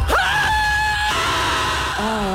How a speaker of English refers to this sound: Or scream at the top of your lungs and call it healing.